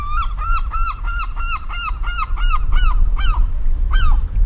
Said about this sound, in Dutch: Dat is die zilvermeeuw hier vlak voor ons. En dat hoge geluid, dat is een van de jongere vogels die daar een beetje bedelend roept. Die bruinige daarachter, die jong, waarschijnlijk van die zilvermeeuw.